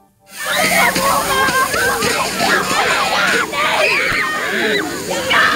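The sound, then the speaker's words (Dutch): A fire brigade sprays a steady rush of water that hisses and splashes for several seconds over children at a school in Zeewolde on a hot day, while the crowd of children shriek, squeal and shout excitedly over it. “Maar op een school in Zeewolde kwam de verkoeling vandaag van de brandweer.”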